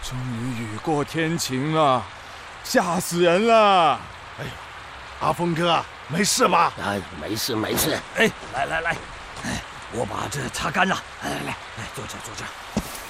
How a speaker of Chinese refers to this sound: 好好好， 快躲雨！ 哎呦，不好！哎呀，车里进水了！